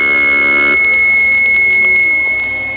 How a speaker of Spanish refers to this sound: El sistema de alarmas del espacio funciona.